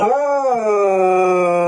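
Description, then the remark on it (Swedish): A dog, Luffe, lets out a loud, drawn-out howling whine, one continuous high note that rises slightly and then holds steady, with no one speaking. “Men han hörs ju typ till Kina, piper Gordon.”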